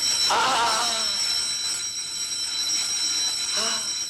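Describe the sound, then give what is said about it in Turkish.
A bell, rung by the grandfather, rings steadily throughout, a bright, continuous high-pitched ringing, briefly overlapped by a couple of short voice-like bursts near the start and end. “Dede çalıyor bu zili!”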